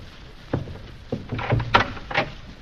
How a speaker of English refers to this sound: Open the door.